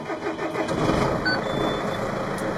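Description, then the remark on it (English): An engine cranks and fires up, settling into a steady, loud rumbling run with a broad mechanical roar and no voices, at an agricultural training program for shearers near York, east of Perth. “So when you're ready, we can fire it up.”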